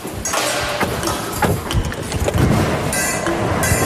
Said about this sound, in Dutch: Airco aan, wat voor nodig hier.